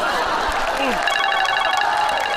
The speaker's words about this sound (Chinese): 上。你电话。 亲亲宝贝么么哒来电。